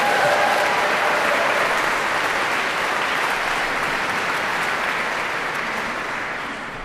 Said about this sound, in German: Aber das Publikum möchte noch mehr, wie der Applaus klar macht. Diese Aufforderung haben die Kings Singers natürlich verstanden. Wenn sie so klatschen, haben wir natürlich noch eine allerletzte Zugabe.